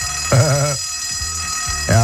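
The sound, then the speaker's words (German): A school bell in the Vogtland, Germany, rings for the last time on the last school day before the holidays, steadily and loudly for the full stretch, a harsh continuous metallic jangle, while brief bursts of a voice rise over it at the start and end. “Nochmal die Glocke. Zum letzten Mal.”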